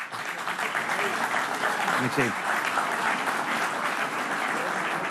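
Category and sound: crowd, audience applause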